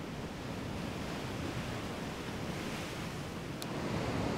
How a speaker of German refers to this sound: Die Wellen sind stärker geworden.